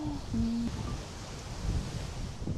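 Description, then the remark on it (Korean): Strong wind blowing through a canyon, growing stronger further into it: a steady roaring broad low rumble with gusty swells, while a couple of brief tonal whistles briefly cut through near the start. “협곡 사이로 들어오면 들어올수록 바람이 점점 더 세지는데요.”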